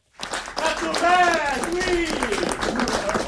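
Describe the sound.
A completely full hall at the Studio Hébertot theatre in Paris applauding steadily after the show Landiscipline, dense clapping with voices shouting bravo over it, loud throughout.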